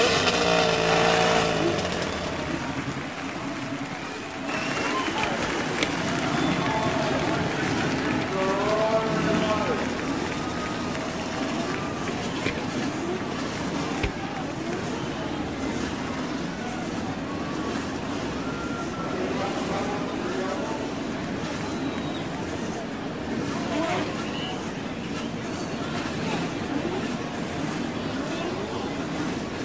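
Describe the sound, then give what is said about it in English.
A dense, continuous roar of many race car engines starting at the Indianapolis Motor Speedway, over 25,000 horsepower building from the main straightaway with cars in eleven rows of three, loud and steady throughout, with crowd noise and indistinct voices blended underneath. “The roar of over 25,000 horsepower builds from the main straightaway.”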